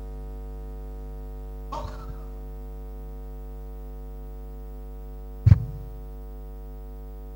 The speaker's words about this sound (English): That sneeze has killed somebody.